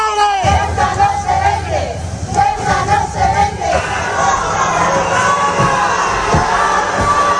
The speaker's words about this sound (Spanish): Sí, ayer regresó Marlaska a Ceuta, efectivamente, y así fue como le recibieron, con gritos y abucheos.